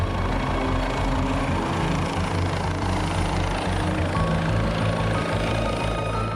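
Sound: helicopter flying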